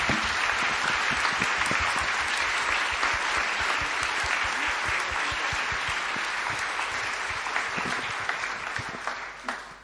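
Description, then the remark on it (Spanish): A church audience applauds the word of God after the Gospel reading, a dense wash of many hands clapping at a loud, even level for about ten seconds before tapering slightly at the end, with no speech over it. “Aclamemos con un fuerte aplauso la palabra de Dios.”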